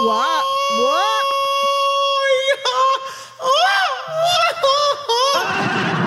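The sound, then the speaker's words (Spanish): A radio host lets out loud, drawn-out yells that swoop up and down in pitch, forceful, with a steady tonal hum running underneath; the yell is his own, not a sound effect, opening a Friday playlist show. “Y ese grito no fue efecto. Ese grito me lo aventé yo.”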